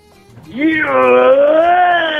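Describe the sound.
A caller voices a drawn-out, wavering, meow-like cry meant to imitate a Tyrannosaurus rex roar, rising from soft breathy noise into a loud, sustained, nasal wail that holds steady for over a second.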